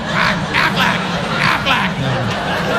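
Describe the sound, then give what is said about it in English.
A man's voice imitates a duck, letting out a quick, uneven string of about five nasal quacks, loud, with no other sounds around it. “I spent the afternoon walking around the house quacking.”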